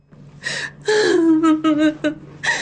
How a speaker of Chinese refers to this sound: 正说着，外面就传来了一阵哀切又掺着几分喜悦的哭声。